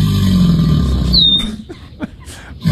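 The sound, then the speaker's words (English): Two alligators bellowing in deep, throaty rumbles that fill the first half, then fade into quieter grunts, with a thin bird whistle briefly overhead and no talking; recorded at a house on a golf course that backs up to Lake Pond. “Alligators. Two alligators.”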